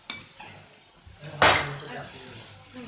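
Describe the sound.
A metal spoon clinks into a ceramic bowl with one sharp, ringing knock, amid lighter taps of dishes. Faint voices murmur in the background of a busy table.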